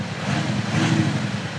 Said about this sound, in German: So klingt der Wagen ohne Soundgenerator.